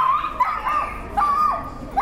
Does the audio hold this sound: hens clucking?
no